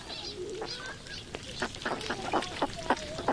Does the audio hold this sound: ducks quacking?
yes